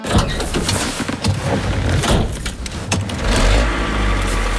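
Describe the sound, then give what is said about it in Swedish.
Inside a truck cab with the engine running: a steady low engine rumble, punctuated by jingling keys and small rattles and clicks. “Vi satt i lastbilen.”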